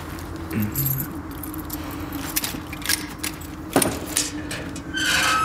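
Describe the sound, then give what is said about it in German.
Keys jangle and clink in a series of metallic rattles and clicks, unlocking the way into a family crypt, over a steady low rumble of background noise. “Schlüssel? Habe ich.”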